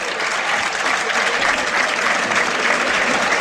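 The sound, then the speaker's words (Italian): A stadium crowd at the Del Duca applauds Ascoli's number 25, Andrea Rizzopinna, as he is substituted off, a steady, dense wash of clapping that stays loud and even from start to finish. “Rizzopinna esce, secondo me è stato uno dei migliori in campo, il numero 25, applauditissimo dal Del Duca.”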